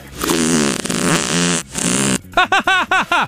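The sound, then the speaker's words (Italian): A long, loud, buzzy fart rumbles for about two seconds, then after a brief gap comes a quick run of five short, squeaky bursts, each bending up and down in pitch. “Ha sentito che bomba che mi è uscita dal culo?”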